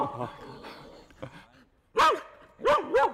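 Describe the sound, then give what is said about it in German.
A herding dog barks sharply three times, loud, one bark and then a quick pair, after a stretch of muffled voice-like background sound. “Es ist halt ein Hütehund, die haben das einfach natürlich so eigentlich gelernt, das genau so zu machen.”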